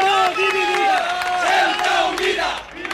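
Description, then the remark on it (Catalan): A crowd shouting together in loud, rising and falling chants, many voices overlapping in a sustained roar with repeated rhythmic cries, at a far-right demonstration in the Plaza de los Reyes, a central square in Ceuta. “Doncs mira, això que sentiu són els crits que se sentien fa uns moments a una plaça molt cèntrica de Ceuta, la plaça de los Reyes, on s'havia convocat una manifestació d'extrema dreta.”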